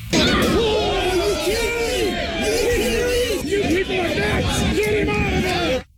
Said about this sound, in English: Those are some of the people yelling, get him out of there, getting pissed off when they saw it happen.